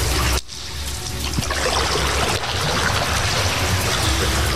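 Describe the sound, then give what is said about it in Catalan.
Water trickles and splashes steadily in an underground cistern beneath the parade ground, one of four that held up to 9 million litres, now holding a little water, as people go down and board a boat; a continuous, fairly loud wash of liquid sound with no voices. “Ara n'hi ha una mica d'aigua. I baixem, i entrem, i pugem a la barca.”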